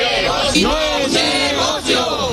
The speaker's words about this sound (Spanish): Anoche, cientos de personas se concentraron en la Plaza del Carmen y se escucharon algunos gritos, algunas reivindicaciones como las que estamos escuchando.